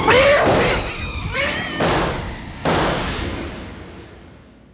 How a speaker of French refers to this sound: C'est épouvantable. Je n'ai jamais vu une chose aussi effroyable. Ce chat est devenu fou. Mais comment a-t-il pu revenir à l'état sauvage en si peu de temps?